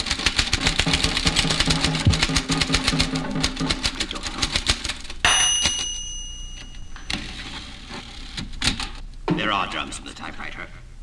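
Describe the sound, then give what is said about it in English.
Rapid, steady clatter of typewriter keys for several seconds, then a bright ringing carriage bell that fades, followed by scattered clacks and a brief sliding carriage return. “Drums in this typewriter.”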